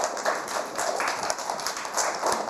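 A group of children clapping their hands, a dense, steady patter of many quick claps sustained throughout, fairly close and moderately loud, with no talking.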